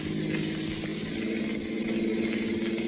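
A car engine drones loudly and continuously, its throaty hum rising slightly in intensity as it accelerates toward an intersection while chasing a truck, with no voices over it.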